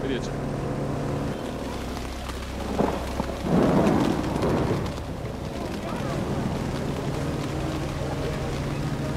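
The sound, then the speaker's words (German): Steady rain hisses throughout as a thunderstorm approaches over a bay, while a deep rumble of thunder rolls in around the middle, swelling briefly before fading back into the constant downpour and a low droning hum. “Für die größeren Kinder ist das aufziehende Gewitter noch ein Spaß.”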